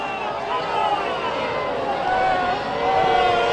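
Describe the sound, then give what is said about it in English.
A home baseball crowd boos a ground ball to third base called foul, in a long, steady, droning wave of many voices that holds loud throughout and swells slightly toward the end, with no clear words. “You can hear the boos.”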